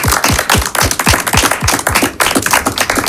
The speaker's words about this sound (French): C'est pas souvent qu'on m'applaudit dans mon ministère.